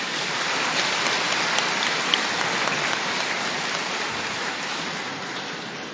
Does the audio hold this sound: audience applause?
yes